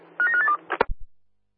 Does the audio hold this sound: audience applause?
no